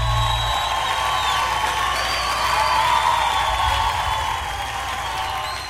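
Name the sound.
audience applauding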